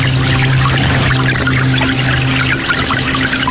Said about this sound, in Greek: σε παρακαλώ πολύ με το νεράκι που τρέχει. Δουλεύω στο ισόγειο και η τουαλέτα είναι πάνω. Δύσκολο πράγμα.